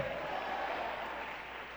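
An audience applauds together in praise to God, a steady, dense wash of clapping that holds at an even level and eases slightly toward the end, with no clear voices over it.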